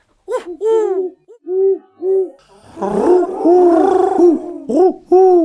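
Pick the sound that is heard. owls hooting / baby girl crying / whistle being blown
owls hooting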